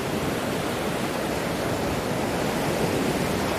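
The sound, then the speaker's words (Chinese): Ocean waves wash onto the shore in a steady, continuous roar of surf. The loud rushing water fills the whole moment without distinct breaks, and no voices are heard. “虎鲸学徒需要感受海浪的力量，靠海浪推动自己靠近目标，再跟随海水后退，选择合适的时机咬住目标，然后利用下一波海浪转身返回大海。”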